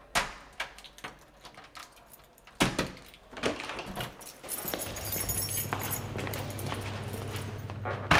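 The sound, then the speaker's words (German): Keys jangle in a few sharp metallic clinks, followed by a door latching and swinging open to a technical room or storage closet, then a steady low hum from the room beyond, with no voices. “Woher hast du die Schlüssel?”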